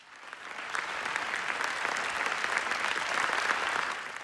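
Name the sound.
audience ovation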